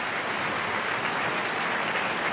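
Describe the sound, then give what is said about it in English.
A large, enthusiastic audience at the Met opera applauds as the principal singers take their bows, a dense, steady wash of clapping that holds at full strength throughout with no voices audible. “All the principals bowing to this very enthusiastic crowd.”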